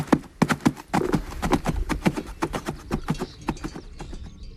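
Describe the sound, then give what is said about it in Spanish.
Hooves of working horses clip-clop in a quick, steady rhythm, each sharp knock ringing out clearly over a faint background, the pace staying brisk throughout. “Y la muela, cuando cada pueblo molía su propio grano, o los cascos de los animales de labor.”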